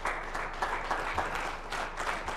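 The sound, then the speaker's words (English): An audience applauds, giving God a hand clap, with a dense, steady wash of hand claps filling the space, sustained and fairly loud throughout, with no voices standing out. “Give God a hand clap for that.”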